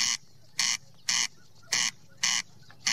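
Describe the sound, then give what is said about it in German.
A corncrake calls for a mate in the breeding season at Lützelsee, Switzerland, with loud, harsh rasping notes, six dry bursts repeated at a steady, mechanical pace against a quiet outdoor background, with no voices. “Jetzt in der Brutzeit schreit nämlich der Wachtelkönig nach Weibli.”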